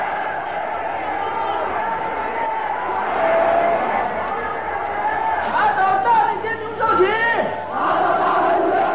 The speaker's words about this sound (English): Thousands of them are arrested, beaten, tortured, and humiliated in stadiums that shake with the roars of the vengeful crowd.